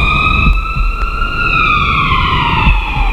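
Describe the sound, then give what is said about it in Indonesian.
A loud ambulance siren wails steadily, its tone sliding slowly downward as it plays, with a low rumble of road traffic underneath and no voices. “Kecelakaan. Buruan panggil ambulan”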